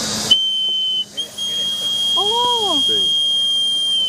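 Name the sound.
toy whistle being blown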